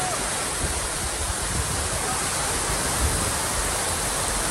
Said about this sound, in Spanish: Pues eso es jarrear, ¿no? Eso es jarrear. Lluvia con rachas de viento que provocó, evidentemente, daños en los toldos y las tiendas de esta acampada en Sol.